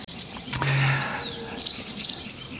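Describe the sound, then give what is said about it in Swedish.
A sedge warbler sings a short burst of scratchy chirps and a thin whistled sweep, clear over a soft outdoor background hum in almost windless conditions. “Ja, men ett bra, kom ihåg rim så här är ju att rörsångaren sjunger sävligt och sävsångaren sjunger rörigt.”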